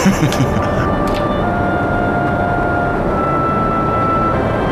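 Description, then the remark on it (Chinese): A steady, loud engine drone fills the cabin of an airplane nearing an airdrop point, a dense low rumble with faint sustained tones above it, holding constant throughout with no talking. “哎，亲爱的，我看你坐飞机也没什么事儿啊。”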